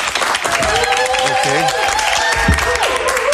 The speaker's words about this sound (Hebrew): אז יאללה, בוא נתחיל. תעשו לי כפיים שאני ארגיש שיש פה קהל כאילו.